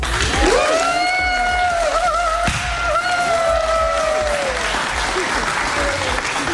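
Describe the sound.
An audience applauds loudly and steadily for several seconds at the presentation of the Bert van Leeuwen prize, the dense clapping joined by sustained cheering voices that rise and fall over it.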